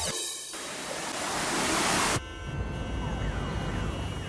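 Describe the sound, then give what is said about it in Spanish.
A loud rushing whoosh swells for a couple of seconds, then cuts abruptly to steady city traffic rumble with faint sirens wailing underneath. “El tráfico de la ciudad tiene su propio ritmo.”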